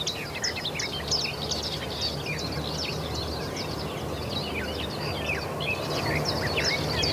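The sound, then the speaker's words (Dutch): A garden warbler's fast, babbling song pours out continuously in quick, varied warbled phrases, like a sped-up blackbird, with other birds chirping around it against a steady outdoor hiss in the morning sun. “En de zang wordt ook wel omschreven als een snelle variant van de merel.”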